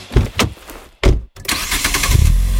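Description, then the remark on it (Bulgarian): The 238-horsepower engine of a Geely Monjaro all-wheel-drive car cranks over in short bursts, briefly cuts out, then catches and settles into a steady, loud rumbling idle with no one speaking. “а мощный двигатель 238 лошадиных сил и полный привод покоряет любую дорогу и уже завоевал меня.”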